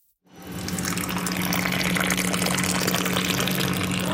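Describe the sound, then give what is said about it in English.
Freshly roasted Ethiopian coffee pours steadily into a cup at a store, a continuous rushing, splashing stream that starts after a brief silence and holds even for several seconds over a faint low hum. “give me a big, tall pour of her finest coffee.”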